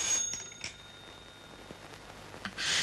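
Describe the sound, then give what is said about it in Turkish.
A telephone rings faintly, a thin high-pitched ring with brief bursts near the start and a louder jangle at the very end. No one speaks. “Aç bakalım, biraz pratik etmiş olursun.”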